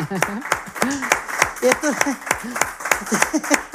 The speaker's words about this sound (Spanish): Bueno, pues un aplauso, desde luego.